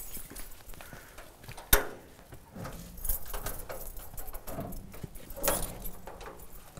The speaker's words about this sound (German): Schlüssel hast du? Jo.